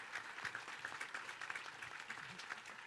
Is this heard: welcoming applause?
yes